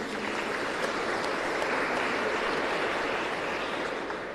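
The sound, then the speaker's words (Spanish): A crowd at a celebration of the Parroquia Inmaculada Concepción de María applauds steadily, a dense wash of many hands clapping at even loudness from start to finish, with no voices standing out above it. “Aplauso también.”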